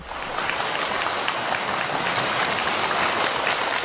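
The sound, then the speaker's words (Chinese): Steady, dense applause from the audience at a crosstalk (xiangsheng) comedy show as two young performers come on stage, a continuous wash of many hands clapping at even loudness throughout, with no voices over it. “谢谢大家的掌声鼓励、啊哎、 感谢您的热情、”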